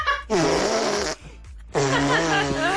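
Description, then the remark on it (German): A young girl blows two long, loud raspberries with her mouth against her arm, making buzzy, fart-like blasts, with a short pause between them and no talking. “Papa, soll ich mal mit meinem Mund auf den Arm pupsen?”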